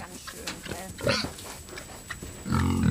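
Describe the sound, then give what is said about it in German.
Pigs grunting and snuffling, a run of low, irregular grunts with a few sharper squeals, growing louder and more continuous toward the end. “Ein Leben für das Wohl ihrer Schweine.”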